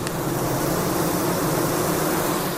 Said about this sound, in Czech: A tady vidíme, jak dělnice visí na tom česně a kmitají křidílky.